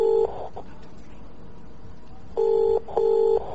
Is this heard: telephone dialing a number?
yes